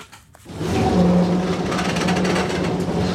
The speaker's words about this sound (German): Langsam ruckelt die blaue Straßenbahn die Küstenstraße entlang. Tram nennen die Einwohner von Alexandria sie liebevoll.